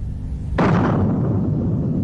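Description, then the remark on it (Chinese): A huge hydrogen bomb blast from China's airdropped hydrogen bomb test over the desert at Lop Nur, Xinjiang, on 17 June 1967, raising a mushroom cloud, erupts after a quiet low hum, its sudden roar settling into a deep, sustained rumble that rolls on loudly to the end, with no voices. “伴随着雷鸣般的响声，大漠上空同时出现两个太阳，蘑菇云随之拔地而起，空投爆炸试验。”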